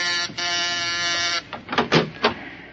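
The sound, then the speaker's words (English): A door is opened: a long, steady creaking whine for over a second, followed by a quick cluster of clunks and rattles as it swings and settles. “open that door.”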